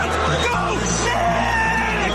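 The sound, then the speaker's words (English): A large crowd in the city cheers the New York Knicks winning the NBA championship against the San Antonio Spurs, ending a 53-year drought. A dense, steady roar of many voices with scattered yells and whoops runs loud and unbroken throughout. “The city filled with tears, cheers, and a lot of blue and orange this morning.”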